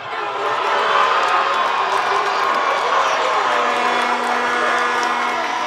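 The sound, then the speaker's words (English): A huge stadium crowd of Spain fans roars in sustained cheering as Team Spain finally breaks a scoreless World Cup game in extra time, a loud, dense wash of voices with scattered higher shouts and whistles rising above the steady din. “The game stayed scoreless into extra time, until finally Team Spain gave their fans something to cheer about.”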